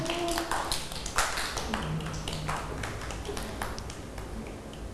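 A group of children clap together, a dense patter of many quick, uneven claps going on for several seconds at a steady loudness, with faint voices mixed in.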